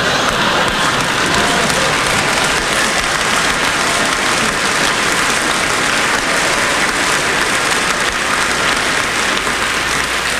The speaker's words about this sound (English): I want you to give our artist a really wonderful welcome. I mean, a one... When she comes on, for goodness sake, clap.